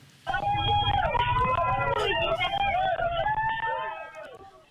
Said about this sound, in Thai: ประชาชนในตลาดแห่งหนึ่งที่เมืองดาวาวซิตี้บนเกาะมินดาเนาทางตอนใต้ของฟิลิปปินส์ก็ต้องวิ่งออกมาจากร้านค้าด้วยอาการตื่นตกใจหลังจากรับรู้ถึงแรงสั่นสะเทือนของแผ่นดินไหวขนาด 7.8 ที่เกิดขึ้นนอกชายฝั่งทางใต้เมื่อช่วงเช้าวันนี้ตามเวลาท้องถิ่น